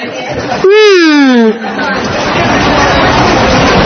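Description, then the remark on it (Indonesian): Busy crowd chatter inside a bus terminal with many buses and many people, a steady babble of many voices with scattered laughter, and one voice briefly rises clearly above the hubbub near the start. “Busnya ada banyak ya teman-teman. Ada banyak orang juga.”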